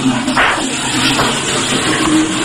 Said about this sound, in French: Je m'enferme. Je tire la chasse.